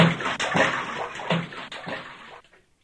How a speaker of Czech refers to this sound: Slyšeli hlučné žblunknutí a pleskot